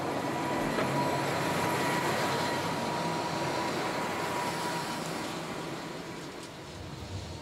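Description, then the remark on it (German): The Eismeerbahn, a cog railway train in the Chamonix area, rumbles along in a steady, dense roar with a fine clattering texture, holding even for several seconds before easing slightly toward the end; no voices. “In den Sommermonaten fährt die Eismeerbahn im 20-Minuten-Takt.”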